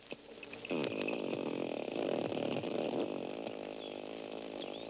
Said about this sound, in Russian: Послушайте самых умных жителей океана. Дельфины издают три типа звуков. Свист, который им служит для переговоров, а скрежет и щелканье – звуки их локатора. Сейчас четыре дельфина изучают микрофон, который опустили в бассейн.